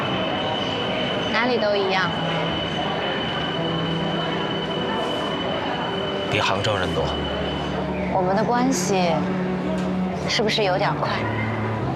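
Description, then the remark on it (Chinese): A crowded subway train heading to Dajue Temple rumbles steadily along the tracks with a constant low roar and a thin high whine, while people talk in short bursts over the noise. “坐地铁去大觉寺啊？”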